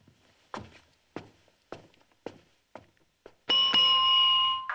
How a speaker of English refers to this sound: The receptionist rings the bell.